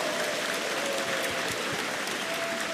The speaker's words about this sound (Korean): 먼저 극동방송을 누구보다 사랑하시는 우리 전 국회의원이신 김회재 변호사님 오셨습니다. 네, 박수 주시기 바라겠습니다.